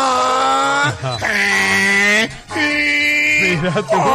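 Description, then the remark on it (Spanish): A man's voice imitates a donkey braying the vowels, stretching out loud, nasal vowel sounds in several drawn-out bursts with wavering pitch, strained. “Porque el burro decía las vocales con su rebuzno.”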